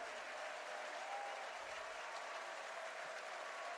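A baseball stadium crowd on their feet applauds and cheers in a steady, dense wash of clapping that holds evenly from start to finish, with no talking over it.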